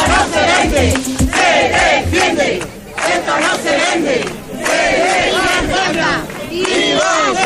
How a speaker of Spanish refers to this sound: jueves 3 de septiembre, resonando aún en Antequera, el sonido de la multitudinaria concentración de ayer tarde en apoyo a Ceuta, un acto institucional convocado por el ayuntamiento y que tuvo una respuesta contundente por parte de los ciudadanos.